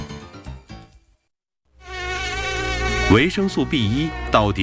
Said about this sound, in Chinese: 随着进一步研究，人们又发现了蚊子隐蔽的发声器官，它们发出的嗡嗡声又暗藏着怎样的玄机？